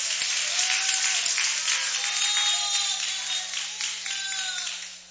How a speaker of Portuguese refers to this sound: Pode se levantar, pode aplaudir a Jesus.